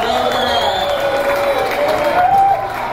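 A crowd applauds steadily, a dense wash of clapping with some whoops and cheers rising through it, loud and sustained for the whole stretch.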